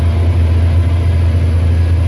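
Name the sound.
tractor engine running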